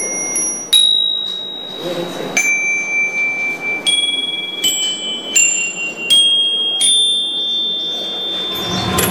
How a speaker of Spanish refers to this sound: Hoy en día, las campanillas son la atracción principal.